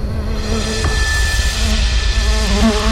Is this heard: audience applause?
no